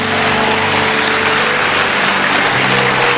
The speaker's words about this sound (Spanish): Alguien grita aleluya. Vamos a darle el aplauso fuerte a Dios.